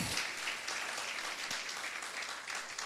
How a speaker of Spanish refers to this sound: De la gloria, dele fuerte aplauso al Cristo de la gloria, hermano.